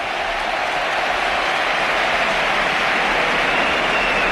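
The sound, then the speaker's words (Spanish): A stadium crowd ovation for the debut of Betis player José Antonio Morante: a dense, steady roar of clapping and cheering that holds at an even, loud level throughout, with no individual voices standing out. “Esta es la ovación.”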